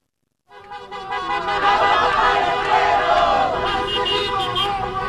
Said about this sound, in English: Listen to all of the cars honking in support of a protest that I went to last night, where people were shouting, "Water for the people."